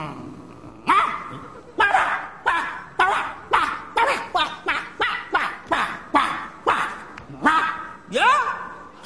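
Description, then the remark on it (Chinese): A man, a security guard in a residential compound, imitates a dog barking to address a dog, with a quick series of about a dozen loud woofs in a steady, insistent rhythm, each bark short and throaty. “不是你这么讲话，那个狗听得懂啊？”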